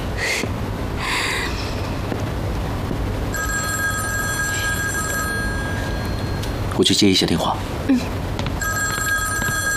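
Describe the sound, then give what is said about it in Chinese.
A telephone rings with a steady electronic trill, one long burst followed by a pause and then another, over a murmur of background noise and brief voices. “我去接一下电话。”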